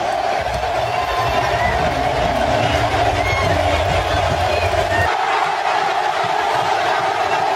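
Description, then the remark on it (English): A huge stadium crowd at SoFi roars in a dense, steady wall of noise, loud and unbroken throughout, with a low rumble underneath that drops away near the end. “just the roar of that crowd, man, is unlike anything you'll ever hear.”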